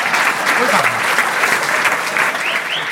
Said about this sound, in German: Ihr könnt nur eine Weile klatschen.